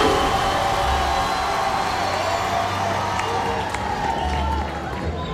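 A crowd applauds steadily for about five seconds, a dense wash of clapping with a few cheers mixed in and a faint low rumble underneath, fading slightly near the end.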